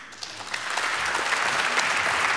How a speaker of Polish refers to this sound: Wielkie brawa. Serdecznie gratulujemy.